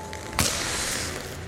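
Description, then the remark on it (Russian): A single sharp crack as Ilya Kovalchuk, alone on the ice of a dimly lit hockey rink, turns, swings his stick and slaps the puck, loud, followed by a steady wash of reverberant arena noise. “Илья делает разворот, замахивается клюшкой, ударяет по шайбе.”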